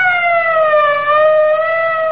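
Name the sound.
police car siren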